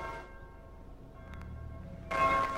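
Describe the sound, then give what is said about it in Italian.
A church bell rings for the Angelus at noon with long, humming tones that hang in the air, then a fresh, brighter strike swells near the end; no voices are heard. “È solo la campana della chiesa. Suona per l'Angelus. È mezzogiorno.”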